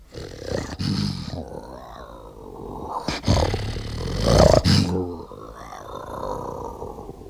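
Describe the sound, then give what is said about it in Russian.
A lion roars in long, rumbling bursts, loud, swelling to a powerful peak midway before trailing off into lower growls. “Вам что, нужен лев? Да. Пожалуйста, одну минуточку.”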